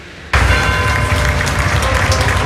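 A crowd bursts into loud, dense applause after a brief quiet moment, the clapping sustained and steady to the end, with no voices standing out.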